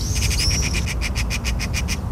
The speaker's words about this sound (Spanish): Ahora el chasquido típico de la urraca común,